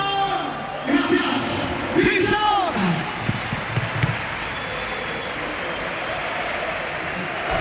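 A crowd applauds steadily with dense, continuous clapping, while loud shouts and whoops rise over it in the first few seconds before the cheering settles back into sustained applause.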